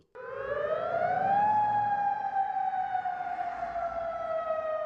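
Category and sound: signal or alarm, air raid siren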